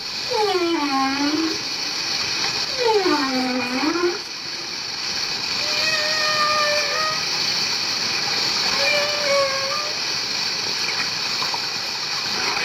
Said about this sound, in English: From our clifftop posse, we can hear the hissing, sighing and the incredible singing as these huge marine creatures communicate.